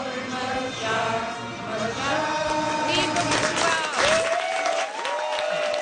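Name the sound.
soccer fans cheering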